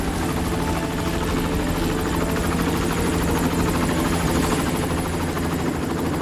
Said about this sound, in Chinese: 这时候庞大的运输直升机编队再次出现在我们的头顶。